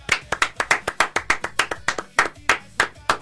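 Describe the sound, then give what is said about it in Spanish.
Hand clapping as applause for town mayors, including those of Jacobacci and Maquinchao, in a quick, steady rhythm, about five or six sharp claps per second, loud and crisp for a few seconds with no talking over it. “Un aplauso para todos esos intendentes que están pensando en sus habitantes.”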